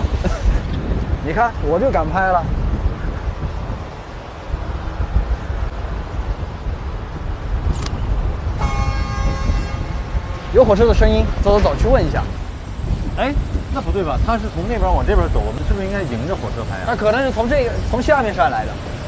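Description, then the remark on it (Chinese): An approaching train sounds a brief harmonic horn blast near a railway bridge, over steady wind rumble, while people talk excitedly throughout. “有火车的声音，走走走，去问一下。”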